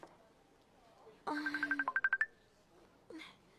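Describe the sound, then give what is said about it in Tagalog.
A cellphone ringtone plays a quick, bright electronic melody of about nine rapid beeping notes, lasting roughly a second, followed by a brief voice. “Oh, Sheria, dalikid lang, ha? Ang cellphone ko.”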